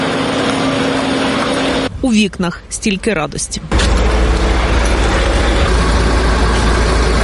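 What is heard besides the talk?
buses arriving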